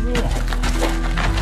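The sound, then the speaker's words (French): Old paving stones from an old driveway or courtyard being pried loose by a mason at a construction site: a series of harsh, gritty scrapes and cracking knocks, about five bursts in quick succession, over a steady low engine hum. “Vous êtes en train de sortir les pavés d'une ancienne allée, d'une ancienne cour?”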